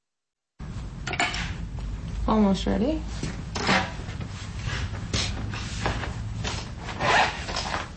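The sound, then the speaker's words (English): A local artist draws a charcoal portrait from life at Saw Studios in Carbondale, the charcoal scratching across paper in quick, uneven strokes of rough, papery friction, going on steadily throughout. A voice speaks briefly near the start. “The sounds of a local artist drawing a charcoal portrait from life at Saw Studios in Carbondale.”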